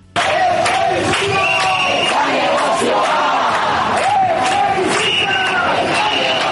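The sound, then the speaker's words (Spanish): A crowd of protesters chants the slogan 'Chebisitza ez da negozioa' in loud unison while trying to block a road to stop an eviction, answering a tenants' union's call. Voices rise and fall in a steady rhythmic pattern with overlapping shouts throughout. “Al grito que escuchamos de Chebisitza ez da negozioa, intentando cortar la carretera, los manifestantes respondían a la llamada del sindicato de inquilinas para tratar de impedir sin éxito el desahucio”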